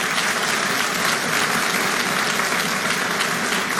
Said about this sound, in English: Anyway, everyone clap for that. Amen.